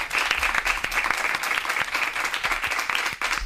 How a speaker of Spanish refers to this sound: Así que muchísimas gracias, equipo. Dadles un aplauso, por favor, os lo pido.